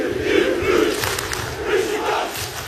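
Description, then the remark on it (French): A huge football stadium crowd in Turkey chants in unison, a dense roar of many voices rising and falling in rhythmic swells, loud and continuous throughout with no single voice standing out. “C'est tout le stade.”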